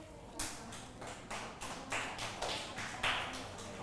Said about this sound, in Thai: ทุกคนปรบมือให้กลุ่มที่1หน่อยค่ะ